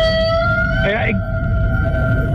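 A whale call: sustained, wavering tonal moans with a brief swooping squeal partway through, fairly loud over a constant low underwater rumble.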